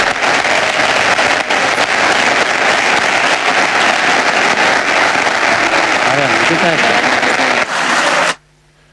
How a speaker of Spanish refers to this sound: Hasta aquí el discurso de Florentino Pérez. Continúa el aplauso y veo a la gente poniéndose de pie para ovacionar al presidente Pereiro.